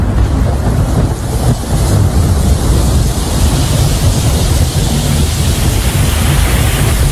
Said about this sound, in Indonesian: Hujan gak berhenti-berhenti dari semalam sampai sekarang.